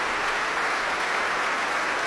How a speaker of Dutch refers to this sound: Groot applaus ook van de muzici van het Concertgebouworkest voor haar.